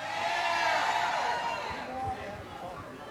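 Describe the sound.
A crowd cheers and claps loudly, with whoops and shouts rising over dense applause that gradually thins out, mixed with scattered voices.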